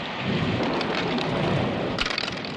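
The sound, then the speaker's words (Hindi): Steady heavy rain hisses and patters throughout, with a deep low rumble of thunder rolling underneath and a brief sharper burst near the end; no voices. “पर आज बारिश के कारण दोनों घर में बैठकर कैरम खेल रहे हैं।”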